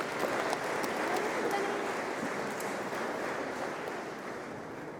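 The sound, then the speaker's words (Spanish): A church audience applauds the married couples steadily for several seconds, a dense wash of clapping, with faint voices murmuring underneath. “Un aplauso a los matrimonios.”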